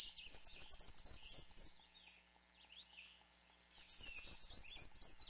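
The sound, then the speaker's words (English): A male black-and-white warbler sings two bursts of its high, wheezy, rapidly repeated two-note song, squeaky and insistent like a squeaky shopping cart, separated by a couple of seconds of quiet. “But they breed in North America's deciduous forests, where males sing a repetitive, high-pitched, wheezy, wheezy, wheezy song, a little bit like a squeaky shopping cart.”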